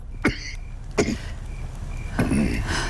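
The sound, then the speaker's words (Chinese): A person coughs three times, two short sharp coughs followed by a longer, rougher one, against a low background hum; the coughing has gone on all night. “我去熬药，莱雅采来的草药，也许能治你的咳嗽。”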